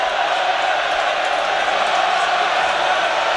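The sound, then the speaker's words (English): A rugby stadium crowd at a Saints versus Tigers match roars as a Saints scrum forms right on their own try line, a steady, dense wash of voices and shouts, holding loud and even throughout with no clear individual words or pauses. “Well, you can hear the crowd know the importance of this scrum.”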